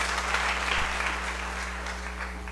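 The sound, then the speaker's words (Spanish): An audience applauds for a little girl, a steady, dense wash of many hands clapping at an even level for a few seconds, with a low electrical hum running underneath. “Un aplauso también para la niña.”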